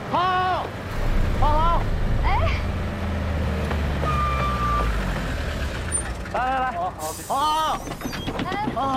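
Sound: city bus pulling up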